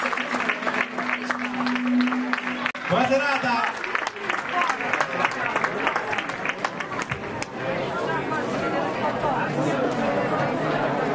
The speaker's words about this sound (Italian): Un applauso a te